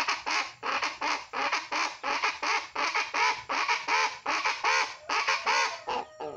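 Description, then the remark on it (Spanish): Raucous calls of a guacharaca (chachalaca), a bird like a wild guan, repeat in a fast, steady rhythm, a loud, harsh chorus of squawking bursts that continues without pause and fades out at the end. No one speaks. “La guacharaca es un pájaro. Ese es el sonido del animal y este es el sonido del instrumento.”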